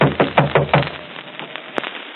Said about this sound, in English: Better knock harder.